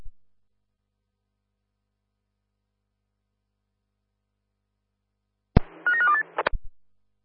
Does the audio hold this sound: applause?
no